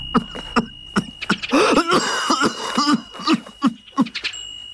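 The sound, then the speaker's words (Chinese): A voice acts out Yuan Shikai's strained fit of harsh, angry coughing: several sharp coughs, a longer rasping wheeze in the middle, then more short coughs trailing off. “袁世凯气得咳嗽了起来。”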